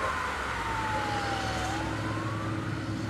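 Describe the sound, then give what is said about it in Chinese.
A police siren wails with a slowly sliding pitch over the steady roar of a police car speeding across the River Thames and out of London, loud throughout, with no voices. “20分钟后，我们坐在一辆警车里，车飞快地穿过泰晤士河，驶出伦敦。”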